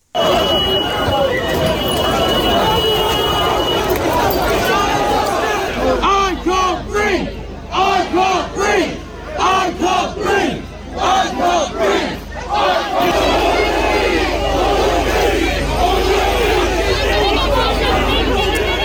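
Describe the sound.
A large protest crowd in Southampton, gathered near the home of Vikram Digwa, shouts and chants in a loud, continuous roar, with many overlapping voices rising and falling in waves; rhythmic bursts of collective yelling stand out midway before the din swells again.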